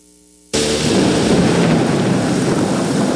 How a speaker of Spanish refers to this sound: Una fuerte lluvia acompañada de granizo sorprendió a Quito la tarde de este domingo. En pocos minutos el agua se acumuló en calles y pasos a desnivel, alcantarillas rebosadas de agua y vías intransitables.